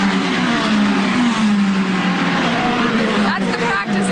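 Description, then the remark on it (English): IndyCar race cars speed around a 1.7-mile course on the National Mall in Washington, D.C., hitting about 200 miles per hour, their engines a loud, continuous high-pitched roar that shifts slightly in pitch as they pass, steady throughout. “The cars will be hitting 200 miles per hour. It is the first ever NTT IndyCar Series race on the National Mall.”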